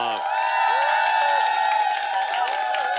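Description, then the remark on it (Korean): A studio audience cheers loudly and continuously to open the second part of a show, a dense wall of shouts and whoops with some clapping mixed in, sustained at full volume for the whole stretch. “자, 여러분의 함성과 함께 2부의 문을 엽니다.”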